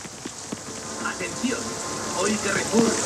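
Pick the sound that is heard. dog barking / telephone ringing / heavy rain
heavy rain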